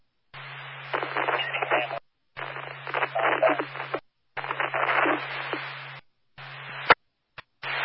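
Crackly radio static hisses in several choppy bursts over a steady low hum, cutting out abruptly between them, like a garbled transmission breaking up, with no clear voice coming through.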